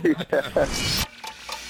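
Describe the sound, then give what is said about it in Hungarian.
Crinkly rustling of empty chocolate wrappers, a dense crackling burst lasting about a second before cutting off, with short vocal sounds at the start and fainter rustles after. “És akkor nem tapsolni fognak, hanem csak zörgetik a papírokat, az üreseket.”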